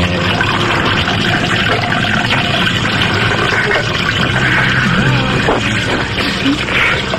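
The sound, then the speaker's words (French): Cola is poured steadily into a glass with ice, a continuous fizzy splashing that runs the whole time, with faint clinks of ice and a little background murmur. “Un coca avec des glaçons.”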